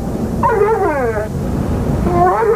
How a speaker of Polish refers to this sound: Posłuchajcie psa z reklamy, posłuchajmy psa z numeru ….